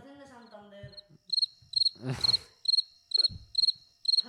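Crickets chirp in steady, evenly spaced bursts of high, pulsing trills, after a brief voice-like sound at the start, with a short louder rustling burst partway through.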